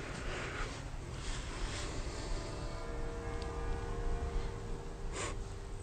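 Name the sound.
city hall bells ringing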